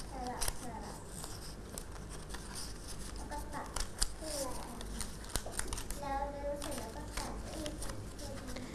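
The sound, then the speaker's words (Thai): Crisp paper rustling and sliding as straight paper strips are woven through a paper template, pushed down and pulled up alternately while one hand holds the template firmly. Soft scratchy handling sounds run throughout, with a voice speaking over it. “จะจับด้วยมือข้างหนึ่งที่แม่แบบของเราให้แน่นจากนั้นมืออีกข้างหนึ่งจะจับกระดาษที่เป็นเส้นตรงสอดเข้าไปทำสลับไปเรื่อย”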